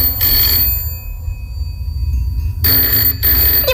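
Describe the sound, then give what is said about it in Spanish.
A telephone rings in two bursts, a short jangling bell ring, a pause with a low hum underneath, then a second, longer ring, loud, with no voices. It is a call being placed at night to a lawyer's office in Cádiz. “Y sin esperar respuesta, el Chano coge el teléfono y llama a Gregor Flaute, el abogado más famoso de todo Cádiz.”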